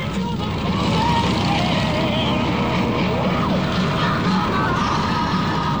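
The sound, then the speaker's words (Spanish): A Harley motorcycle rides through the city streets of Madrid at night with a steady, loud engine drone and rumble, continuous the whole time, its pitch shifting slightly as it moves through traffic noise. “Luego de disfrutar las calles de esta ciudad, este Madrid nocturno en motocicleta”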